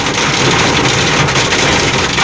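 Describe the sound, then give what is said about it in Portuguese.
Heavy rain drums hard and steadily on a truck's metal surface, a dense, loud, continuous roar with a rattling texture that never lets up, and no voices. “Foi a chuva de ontem, bebê. Batendo ali num caminhão.”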